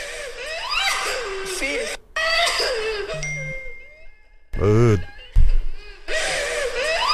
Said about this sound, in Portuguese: Ouça aqui esse choro, ó. Deixa eu ver se eu consigo colocar. Depois do jogo, ó.